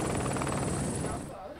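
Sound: helicopter arriving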